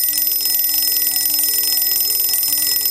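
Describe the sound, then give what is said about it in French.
An alarm clock rings at 6:30 in the morning, a loud, bright metallic jangle with a rapid, steady trill that fills the whole few seconds without pause. No voices are heard. “Il est à peine 6h30 quand le réveil de Bernd se met à sonner”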